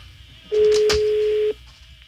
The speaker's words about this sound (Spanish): La línea número uno al aire, en la uno al aire. Bueno, ábrele. Se está sonando el teléfono.